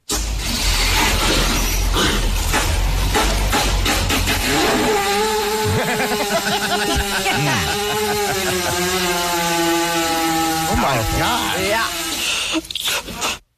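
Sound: cow farting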